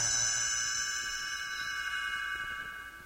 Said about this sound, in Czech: Stránku obraťte až tehdy, když zazní tento zvoneček.